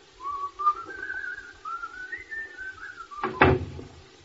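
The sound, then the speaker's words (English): Someone whistles a lilting tune for a few seconds, then a single solid door thump lands near the end, fairly loud, cutting across the melody, as people leave through the door. “And off we go. See you all later. Come on, dear. Through the door.”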